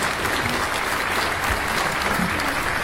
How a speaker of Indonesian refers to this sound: Ya, tepuk tangan untuk Regu B.